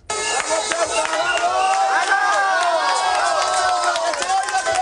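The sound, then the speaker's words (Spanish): A dense crowd of hundreds of protesters in the streets of Ceuta, on a Friday, the third day in a row, shouts and chants "invasores, expulsión" together in a peaceful protest, many voices overlapping in a loud, steady roar that holds without pause for the whole stretch. “La protesta al grito de invasores expulsión se ha desarrollado de forma pacífica.”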